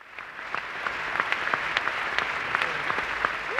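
A large audience at a screening of a Colin Nutley film cheers and applauds steadily throughout, a dense wash of clapping with sharper individual claps popping out, and a brief rising whistle near the end.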